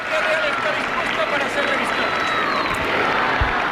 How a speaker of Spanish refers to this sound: Y bueno, pues es lo que... lo que estamos viendo en estos momentos y los aplausos del público. Y los vivas, vivas. Los vivas, sí, naturalmente.